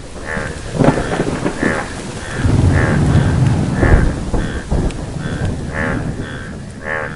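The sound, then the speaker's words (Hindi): Heavy rain hisses steadily throughout while a deep roll of thunder swells through the middle. Short, repeated croaking calls of frogs pulse on top in a loose rhythm. “टर टर सुनकर बादल आए और झूम कर बरसे।”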